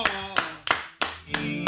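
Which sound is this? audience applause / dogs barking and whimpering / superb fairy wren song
audience applause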